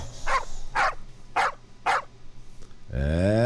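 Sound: dog barking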